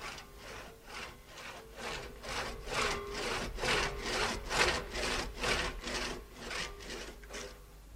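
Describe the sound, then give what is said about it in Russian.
A man saws through the trunk of a wounded tree with a hand saw, rasping steadily back and forth, each stroke a broad, gritty burst in an even rhythm of roughly two strokes per second, with no voices. “Семен пилил и утешал себя, уговаривал, дескать, зачем раненому дереву истекать соками и медленно гибнуть.”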